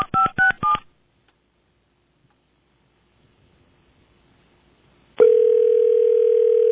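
Four quick touch-tone beeps of a phone number being dialed to call Broadcast House, followed by several seconds of near silence, then a loud steady telephone tone that begins abruptly and holds to the end.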